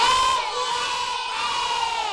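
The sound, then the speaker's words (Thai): A group of children loudly imitate a rooster's crow together, voicing the rooster character Jao Tong, a sustained, high-pitched, wavering cry held for about two seconds without a break. “เดี๋ยวให้เพื่อนคนอื่นออกเสียงไปพร้อมๆกันเลย1 2 3เอกีเอกเอเหมือนไก่ยังไม่ตื่นเลยค่ะ”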